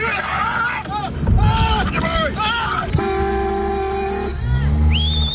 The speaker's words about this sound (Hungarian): Kiabálással és tülköléssel próbálják elzavarni az anyamedvét, amely rátámadt egy autóban ülő emberre.